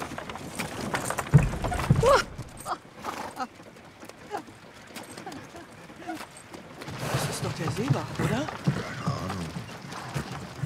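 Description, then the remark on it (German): Horses' hooves clip-clop in a steady rhythm during a horse-drawn ride, beneath people talking, with a brief higher-pitched cry partway through and a constant rumble underneath. “Das sind Pferde und keine Ferraris.”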